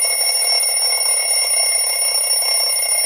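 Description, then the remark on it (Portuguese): An alarm clock rings continuously and loudly on the radio show Desperta Brasil, played to wake the rooster; a steady shrill electronic buzz with sustained high tones that fills the whole moment without pause. No one speaks over it. “Capaz, vamos despertar o galo então.”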